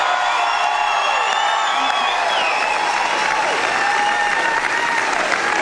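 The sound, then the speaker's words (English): Loud, sustained applause from a large crowd at the Logies, a standing ovation for Australian comedian Magda Sabansky appearing in character as Sharon Strzelecki; a dense steady roar of clapping with scattered cheers and whoops rising over it, continuing without pause throughout. “The iconic Australian comedian receiving a standing ovation from the crowd as she appeared in character as Sharon Strzelecki.”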